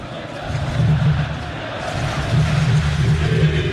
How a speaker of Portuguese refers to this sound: mas a torcida sente um bom momento e canta alto em São Januário. Aumente o som para ouvir o torcedor vascaíno.